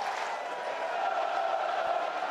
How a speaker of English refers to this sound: I don't even know if they heard me say gone with how loud the crowd was. The crowd mic wasn't even up. I had to turn it up. You're hearing it now. Here comes Morgantown in full force.